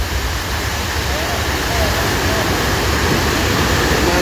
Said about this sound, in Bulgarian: Малко след 22 часа, минути след началото на бурята, от планината идва огромна приливна вълна, а река Шашка излиза от коритото си.